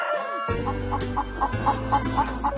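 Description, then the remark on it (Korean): Chickens on a poultry farm cluck in a steady series of short, evenly spaced calls over a continuous low hum, with a busy background of many birds. “맨날 전화하면 닭 소리 나니까 시끄럽다 전화 끊어라 이러면서 맨날.”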